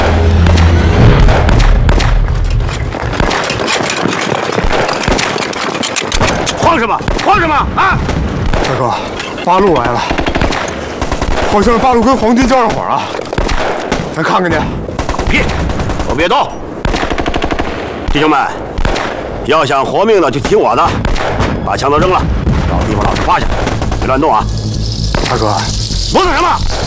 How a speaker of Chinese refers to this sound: 大哥，八路来了，好像是八路跟黄金交上火了。